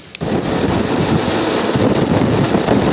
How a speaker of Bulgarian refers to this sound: Два вертолета Кугър с екипажи излитат, веднага след като получават известието за инцидента. Час и половина екипажите търсят оцелели в морето.